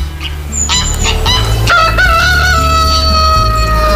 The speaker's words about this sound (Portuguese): O galo cantou.